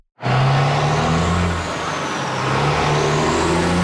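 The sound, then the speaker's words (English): Heavy trucks rumble past in Manitic, a loud, steady engine drone with low harmonic tones that shift slightly as the vehicles move through, no voices present. “The sound of truck traffic is nothing new in Manitic.”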